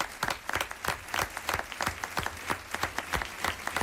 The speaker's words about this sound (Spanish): Aplausos también para el resto del equipo que hizo posible esta función de radioficción.